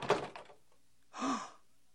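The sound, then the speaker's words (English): A door opens: a sharp clunk of the latch, a brief pause, then a short swishing creak as it swings, moderately loud, with no voices. “Go through the door, Doctor, and you'll see.”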